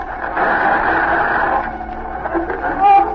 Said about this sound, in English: There's the interference again. Cut off the radio.